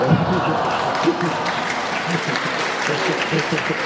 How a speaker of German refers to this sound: Entschuldigung, also fürs Kochen muss man wirklich nicht klatschen. Also, ja.